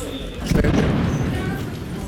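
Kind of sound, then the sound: impact, nearby explosion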